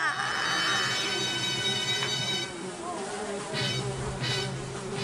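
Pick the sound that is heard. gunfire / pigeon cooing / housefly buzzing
housefly buzzing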